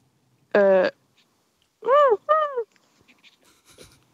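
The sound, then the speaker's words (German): Someone mimics a seagull with their voice live on the radio: one flat, nasal squawk, then a pause and two quick rising-and-falling cries, fairly loud, with only faint background noise afterward. “Dann kannst du das deinen Freunden schicken, wie du eine Möwe im Radio live nachmachst.”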